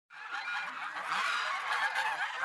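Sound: geese honking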